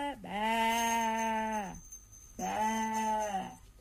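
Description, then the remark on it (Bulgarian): Two long, wavering sheep bleats, loud, one after another with a short pause between them and nothing else in the background. “Сякаш царитата изведнъж се увива вълна и заприлича на овца.”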